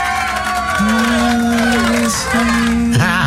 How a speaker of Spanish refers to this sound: Oye, con ese sonido de fondo, en lugar de aplausos parecen lamentos. Escucha. A ver, una vez más.